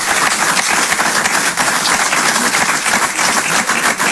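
Loud, sustained applause from an audience fills the whole stretch, a dense wash of many hands clapping close by without letting up.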